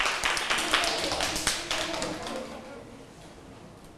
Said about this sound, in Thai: มีกลุ่มไหนอีกไหมคะถ้าไม่มีแล้วนะคะปรบมือให้กับกลุ่ม5ด้วยค่ะ